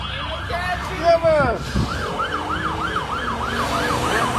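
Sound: police car sirens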